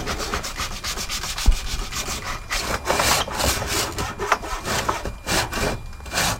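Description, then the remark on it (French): A hand saw rasps steadily through wood along a marked line in a repeating back-and-forth rhythm of strokes, moderately loud, with a brief knock near the start and no talking. “Tu vois, ta scie, elle est comme ça. Nous, on veut qu'elle soit au-dessus.”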